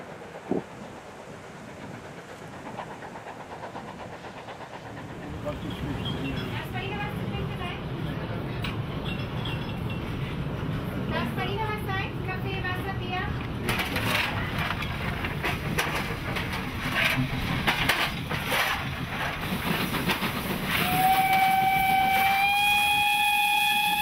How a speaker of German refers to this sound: Weit oberhalb der Ortschaft Pfützen kommt der Zug wieder zum Vorschein und fährt nun an der Flanke des Mühlbachtals nach Osten.